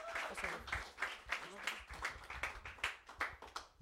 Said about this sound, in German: Und natürlich euch danke, liebes Publikum, dass wir mit euch da 6 tolle Jahre von Dark Metal Asylum feiern können. Also nochmal ein Applaus auch für euch und ja, schön, dass wir gemeinsam feiern können.